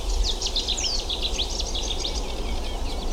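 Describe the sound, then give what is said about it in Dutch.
A dense chorus of birds sings and chirps continuously at sunrise on a cold morning, many high, quick calls overlapping over a steady low outdoor rumble, with no one speaking. “Maar de vogels trekken zich niks van aan.”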